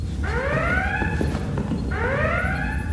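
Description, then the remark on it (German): A starship red alert alarm sounds twice, each a loud rising electronic whoop about two seconds apart, over a steady low rumbling background hum, with no voices. “Warum Alarmstufe Rot, Captain?”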